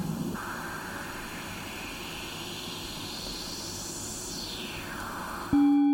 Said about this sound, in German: jetzt haben wir einen Filter mit einer Resonanz, die einen bestimmten Teilbereich des Spektrums jetzt überbetont. Das heißt, wir hören immer noch das ganze Rauschen